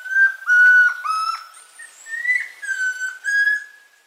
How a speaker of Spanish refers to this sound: El trino del Tororoy Comprapan forma parte del Banco de Sonidos de Aves Colombianas, recopilado por el Instituto von Humboldt y la Universidad de Cornell.